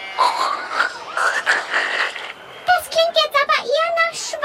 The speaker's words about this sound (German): Guck mal da, hinterm Zaun. Süß, Hängebauchschweine sind die putzig.